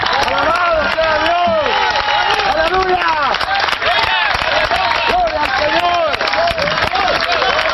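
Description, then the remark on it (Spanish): An audience applauding Christ during a church service: dense, loud clapping runs without a break for several seconds, mixed with many raised voices calling out and cheering over it. “Usted le está aplaudiendo al Cristo de la gloria, hermano.”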